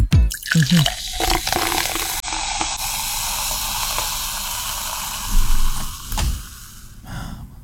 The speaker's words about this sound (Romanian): Următorul, penultimul, sunetul sucului cu acid turnat în pahar.